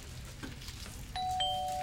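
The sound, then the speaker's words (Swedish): A two-note ding-dong chime of a queue-number system calling the next number sounds clearly, the second tone following the first and ringing on sustained, over a low background rumble. “Nu, men då säger det pling plong.”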